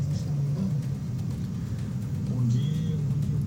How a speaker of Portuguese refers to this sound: Olha só o motoqueiro ali se arriscando entre um caminhão e outro. Aí o trânsito já é travado, né? Aí eles... Aí ainda vem desse jeito aí, ó. Aí piora, né?